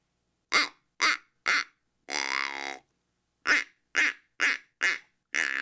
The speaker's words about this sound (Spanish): O los patos.